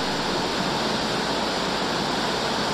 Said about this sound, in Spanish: Pero no sé si ustedes me están escuchando bien, pero está fuerte la tormenta, señores.